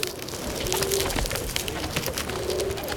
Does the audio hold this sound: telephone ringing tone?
no